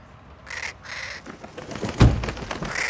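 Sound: bird calling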